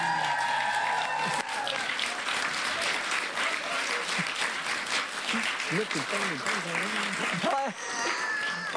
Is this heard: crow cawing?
no